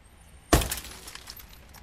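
A police car's window is smashed outside the main gate with one loud, sudden crash, followed by a second or so of fainter tinkling glass fragments scattering and settling. No one speaks.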